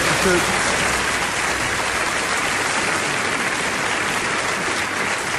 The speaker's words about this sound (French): Applaudissez pas trop, ils vont couper chez vous.